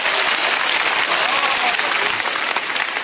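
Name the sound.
audience clapping hands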